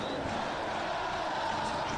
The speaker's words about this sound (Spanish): Se levanta el grito de Talleres en el Kempes.